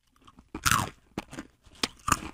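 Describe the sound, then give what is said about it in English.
Crisp crunching of salty pretzel chips being chewed, with several sharp bursts in an irregular rhythm and quiet pauses between bites, no talking. “Isn't the crunch, though, the best?”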